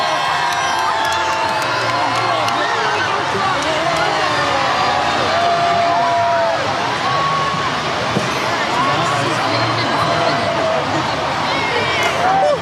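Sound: crowd cheering and shouting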